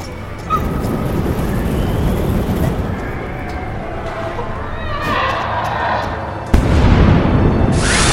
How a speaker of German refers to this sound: Eine Explosion riss Finn und Sean von ihren Füßen. Schwarzer Qualm drang aus dem Gang, in dem Mr. Mattock verschwunden war. Anscheinend war der Behälter mit der Brennflüssigkeit einfach explodiert.